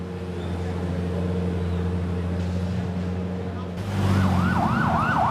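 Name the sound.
ambulance siren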